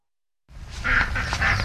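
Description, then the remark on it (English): Several pet ducks in West Ennis quack at feeding time in a busy, overlapping chorus, loud, with a rough background hubbub of movement beneath the nasal calls. “Time to eat, you guys, huh? … of West Ennis naming her ducks.”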